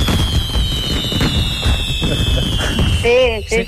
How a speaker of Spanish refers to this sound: Es que estamos probando también los petardos del piromusical del domingo, de la fiesta mayor, y es para ver si sonaban bien. Mire.